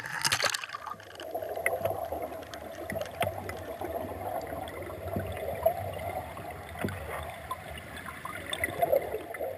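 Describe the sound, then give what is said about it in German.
Steady flowing water of a clear, oxygen-rich stream in early September, a continuous gurgling rush with small splashes and trickles, moderately loud throughout, with no voices. “Ein klares, sauerstoffreiches, fließendes Gewässer.”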